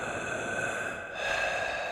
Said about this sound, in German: Da vernahm sie aus einer Ecke ein langsames Atmen.